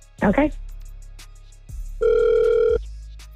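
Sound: outgoing phone call ringing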